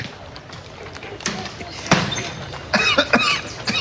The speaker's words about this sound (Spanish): Perdón, tengo un poquito de tos, pero ya se me va